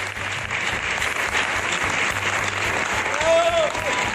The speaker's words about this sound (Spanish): El público regaló esta gran ovación a esta actriz que tiene una de las carreras más versátiles de nuestra escena.